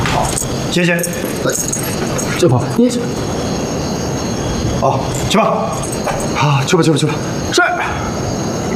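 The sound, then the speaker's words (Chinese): A bunch of keys jangles in a few short metallic bursts as they are handed over to an officer on a superior's orders, against a busy background of people talking. “报告 长官，既然是上峰的命令，把钥匙交给你。”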